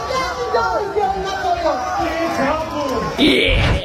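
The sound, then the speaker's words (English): A dense crowd at a wrestling ring during the Triple M beer pong tournament chatters and cheers at once, a steady wall of overlapping voices with a louder surge of excitement near the end. “That's the crowd. Everyone goes nuts.”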